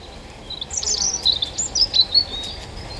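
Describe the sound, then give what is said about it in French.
A European robin, a bird of about 12 cm and 21 grams, sings overhead a brief, high, thin warbling phrase of quick trills and sweet whistled notes, clear over a faint background hiss, with no one speaking. “Comment un être de 12 cm et de 21 grammes à tout casser peut-il produire un chant aussi puissant ?”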